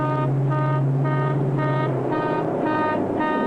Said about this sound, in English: All moving equipment should have automatic backup alarms that sound off whenever the vehicle is operated in reverse